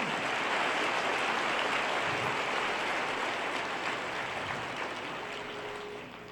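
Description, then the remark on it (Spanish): An audience applauds the Lord during a sermon in a steady, dense wash of clapping that holds at full strength for several seconds, then begins to fade near the end. No voices come through. “Más fuertes aplausos al Señor.”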